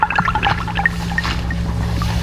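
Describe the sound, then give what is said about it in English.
Water trickles and drips steadily, with scattered bright droplet plinks over a continuous low burbling flow. “All we need is a drip and a drop.”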